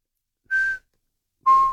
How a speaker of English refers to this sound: And that call is just quite unusual. Have you been anywhere in the country, just being nosy, have you been anywhere in the country where you've heard a kōkako calling? It's like a bell.